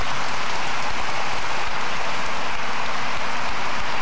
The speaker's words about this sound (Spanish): Denle un aplauso a la belleza del Señor.